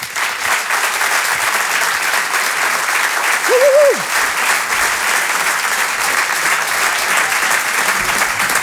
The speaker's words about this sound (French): Je vous demande de l'applaudir lui aussi très très fort, s'il vous plaît.